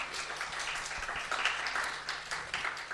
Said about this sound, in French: Donc merci, on applaudit les jeunes filles dans la salle, s'il vous plaît.